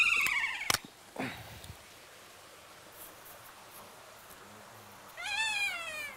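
Kea parrots in their aviary let out shrill, wavering screeches as they greet the snow, one burst at the start and another near the end, with a sharp knock early on and quiet outdoor hiss between calls.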